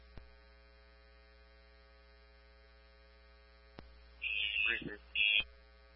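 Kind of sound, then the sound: signal or alarm, alarm buzzer sounding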